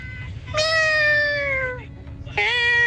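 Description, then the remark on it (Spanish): A person convincingly imitates a cat, giving one long, drawn-out meow that slides downward in pitch, then starting a second meow near the end, loud over a low background rumble. “Yo pensé que era un gato de verdad”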